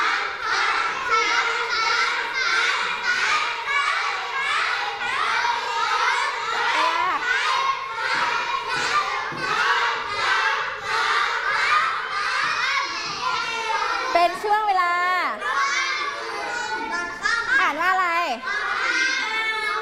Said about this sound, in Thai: ภาพนี้เป็นช่วงเวลาตอนเที่ยงเป็นช่วงเวลาพักกลางวันเด็กๆก็จะมาทำกิจกรรมกันนั่นเองมาทำอะไรเอ่ย เล่นฟุตบอล มาเล่นฟุตบอลนั่นเองนะคะจะเป็นการทำกิจกรรมร่วมกับเพื่อนๆ นะคะเป็นช่วงเวลาตอนเที่ยง